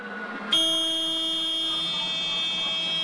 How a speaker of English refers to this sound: This is an alarm going off.